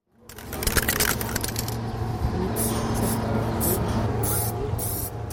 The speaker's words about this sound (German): in der Hand eine Spraydose. Doch was er an die Turnhalle sprayt, ist kein hastig hingeschmiertes illegales Graffiti mitten in der Nacht, sondern Teil eines großen Jubiläumswandbilds